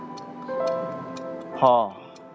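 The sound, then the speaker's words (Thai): An antique cuckoo clock, over 100 years old, ticks steadily, about five crisp ticks spaced half a second apart, over a sustained tonal hum, with a short voice-like burst near the end. “พ่ออยากได้นาฬิกาโบราณอายุ100กว่าปีที่มีนกกุ๊กกูบอกเวลา”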